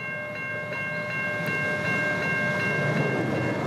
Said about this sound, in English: You'll also know that when that train passes, the flashing lights stop, the boon gates go up, and it's safe to go.